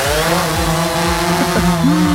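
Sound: drones flying overhead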